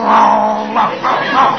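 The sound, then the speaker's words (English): A man down on all fours imitates a dog's growl, a rough, sustained snarl, rising and dipping in a few surges over about a second and a half, with no words spoken. “He growls, so I'll growl.”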